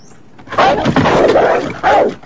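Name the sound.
agitated dog barking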